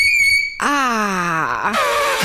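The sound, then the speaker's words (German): A shrill, steady squeal of chalk on a board for about half a second, followed by a long, falling human groan of disgust and a short burst of scratchy noise. “Und jetzt hören wir aber mal kurz, wie fies Kreide tatsächlich quietschen kann.”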